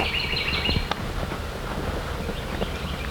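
A bird sings a short, high warbling phrase outdoors in the middle of a field, partly buried under steady wind rumble and low handling noise, with a few faint chirps trailing after.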